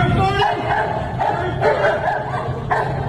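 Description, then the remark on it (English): A dog barks repeatedly in quick, uneven bursts, fairly loud, over a steady, noisy background that fills the gaps between barks, straining to get to a man. “And this dog is almost doing a burnout trying to get there, is he not?”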